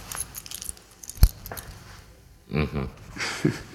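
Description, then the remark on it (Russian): A small bunch of keys jingles briefly as a key is handed over, followed by a sharp single clack, then muffled voices murmur for a moment afterward. “Пап, твой ключ.”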